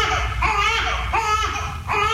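A newborn baby girl cries in loud, repeated wails, about three rising bursts in quick succession with short breaths between, continuous without any talking.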